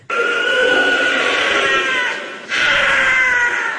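A wild cat lets out two long, harsh screams back to back with a brief pause between, loud, raspy and high-pitched, much like a woman screaming. No one speaks.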